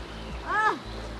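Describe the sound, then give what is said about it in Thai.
Steady rush of clear, very cold river water swirling around someone wading in the middle of a river at Ban Huai Pha, Thailand, gathering river algae, with a brief voiced exclamation rising and falling midway. “ตอนนี้นะคะเราลงมาอยู่ที่กลางแม่น้ำหน้าแล้วนะคะของบ้านห้วยผ้าแล้วก็น้ำใสมากแล้วก็เย็นมากด้วยนะคะ”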